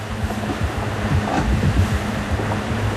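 Heavy cross waves slap and rush against a sailboat hull in the Drake Passage, straining the autopilot as the helm is taken by hand, with a steady low rumble and wind noise. No one speaks.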